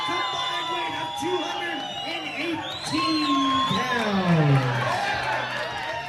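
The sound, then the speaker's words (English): A crowd at a best-2-out-of-3-falls tag team wrestling match cheers and whoops continuously for the champions, Charlie's Angels, with loud overlapping shouts and rising and falling yells. The cheering swells louder midway through and stays energetic to the end. “Cheer for Charlie's Angels.”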